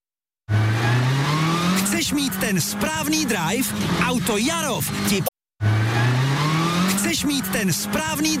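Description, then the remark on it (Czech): A car engine revs loudly, its pitch climbing steadily, with warbling vocal sounds layered over it; after a brief cut, the same revving resumes. “Chceš mít ten správný drive? Auto.”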